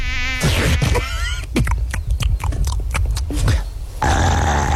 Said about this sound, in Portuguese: Ai, mais uma mosca, mais uma mosca.